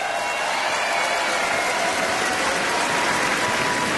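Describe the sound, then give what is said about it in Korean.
Sustained audience applause welcoming Ed Cannon, president and CEO of FEBC USA, a dense steady roar of many hands clapping at even loudness for several seconds, with no voices over it. “네, 다시 한번 박수 보내주시기 바라겠습니다.”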